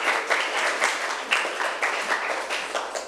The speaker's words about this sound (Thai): ค่ะปรบมือให้เพื่อนหน่อย